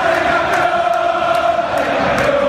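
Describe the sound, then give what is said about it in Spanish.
An audience applauds for dancers, a dense, steady wash of clapping mixed with cheering and a few sustained shouts, holding at an even loudness for a couple of seconds with no talking. “Tenemos los aplausos para todos los bailarines.”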